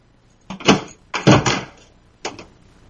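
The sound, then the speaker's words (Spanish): Three loud door sounds, heavy knocks or thuds a second or so apart with the last one softer, as someone knocks at the door of a home, and no voices in between. “Y ahora me llaman a la puerta.”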